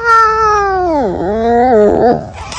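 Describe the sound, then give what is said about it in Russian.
A clouded leopard of Borneo (Kalimantan) calls: a single loud, drawn-out moaning wail that sags low, rises again and ends in a rough, broken snarl, with no other sounds. “Ну а разбудил нас сегодня с вами вовсе не крик непентеса, а крик другого животного, которое также обитает на Калимантане.”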